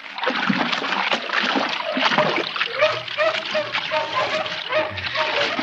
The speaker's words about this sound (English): After me. After me with bloodhounds. Won't let me rest night and day.